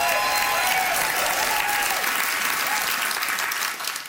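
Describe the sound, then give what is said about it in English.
A Broadway theater audience applauds loudly and steadily, a dense wash of clapping with a few faint whoops and whistles riding on top, tapering off slightly at the very end. “It is almost time for our boisterous Broadway theater audience to place their votes.”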